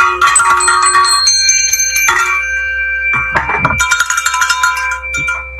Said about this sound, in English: Ring the bell and take it over.